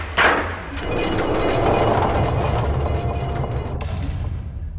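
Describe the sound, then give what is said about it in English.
A heavy door swings shut with a solid thud, followed by a steady low rumble that lingers for several seconds, with a faint knock near the end. “Closing the door.”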